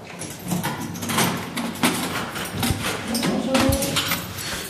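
A heavy small prison door at a detention facility, opened by a guard every morning at dawn, grinds and slides open with a low scraping rumble punctuated by several sharp metallic clanks, heard on its own without any talking.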